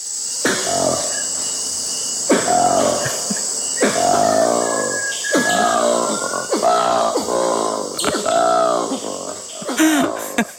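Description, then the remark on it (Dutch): A black ape gives a run of about seven loud, harsh, grunting calls, each swooping up and down in pitch, over a steady high-pitched insect drone. “Ja, we hebben ook het geluid van de goede ouderwetse zwarte aap die 1200 kilometer verderop een heel ander geluid maakt.”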